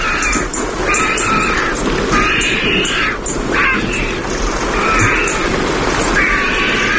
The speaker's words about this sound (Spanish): y al fondo se están secando las plumas, los buitres. Ahí están. Con ese cacareo y una garza real.